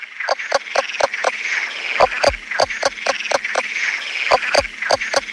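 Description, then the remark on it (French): A leopard toad calls in a rapid series of sharp, clucking pulses, much like a hen, repeating steadily over a constant background hiss of chirping insects. “Alors, c'est vrai qu'un crapaud léopard qui chante comme une poule, c'est déjà original.”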